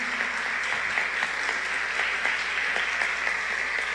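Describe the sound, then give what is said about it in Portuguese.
An audience at a parish rosary gathering applauds all the children present, many hands clapping in a dense, continuous patter of sharp bright claps at an even loudness throughout, with no voices standing out. “Então gostaria de pedir uma salva de palmas para todas as crianças que estão aqui.”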